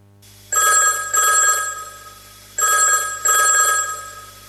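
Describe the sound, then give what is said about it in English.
A telephone rings in two double bursts, a classic trilling bell pattern with a short pause between each pair, loud with no voices. “Thanks for ringing back.”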